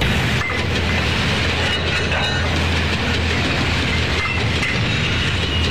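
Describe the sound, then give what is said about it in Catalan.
A high-speed train bound for Wuhan, China, rushes steadily along the rails: a loud, continuous roar with a low hum and faint rhythmic clicks from the wheels, with no voices. “Allà van agafar un tren d'alta velocitat fins a Wuhan, Xina.”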